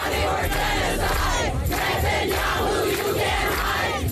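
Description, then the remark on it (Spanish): A large crowd of pro-Palestinian protesters chants "Netanyahu criminal, no puedes esconderte" loudly while blocking main streets in New York near the United Nations building, many voices shouting together in a steady, rhythmic cadence with continuous dense crowd noise underneath. “Al grito de Netanyahu criminal, no puedes esconderte, cientos de manifestantes bloqueaban las principales arterias de la ciudad.”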